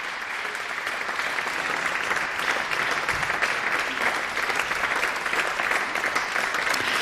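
concert audience applause

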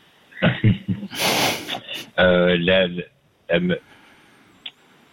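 throat clearing

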